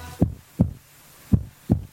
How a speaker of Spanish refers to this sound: Estamos latiendo. Escuchá cómo laten los corazones, escuchá.